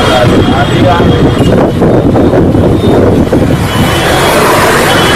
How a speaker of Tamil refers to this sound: கான்பூர் மற்றும் சுற்றுப்பகுதிகளில் வீசிய புழுதி காற்றால் எதிரே இருப்பவர்களும் வாகனங்களும் தெரியாத நிலை உருவானது.